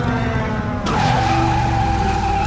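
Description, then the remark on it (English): A flying motorcycle driven by a massive man lands in the street: its engine rumbles, then a sudden loud skid erupts, a sharp, sustained tire screech that holds steady to the end, with no voices. “The light approaches, revealing the headlight of a flying motorcycle driven by a massive man. He lands in the street.”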